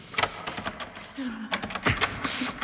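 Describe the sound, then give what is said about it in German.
A door handle is jiggled and rattled against a locked door, producing an irregular series of metallic clicks and clacks with a brief squeak in between. “Ach, abgeschlossen.”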